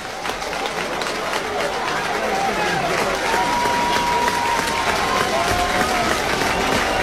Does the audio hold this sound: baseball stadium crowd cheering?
yes